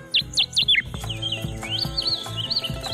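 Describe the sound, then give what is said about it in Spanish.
A rusty sparrow, a bird of Veracruz, sings: a few sharp, descending chip notes in quick succession, then a thinner warbling trill, heard alone against faint background rustle. “Zacatonero canelo.”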